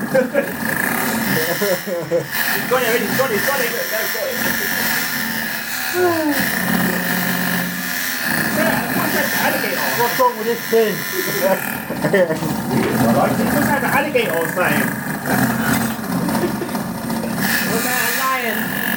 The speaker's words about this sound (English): I'm trying to get it up and running. Oh, that don't sound too good. The helicopter is not working properly. Uh-oh.